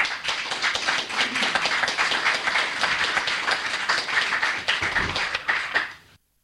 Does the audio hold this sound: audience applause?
yes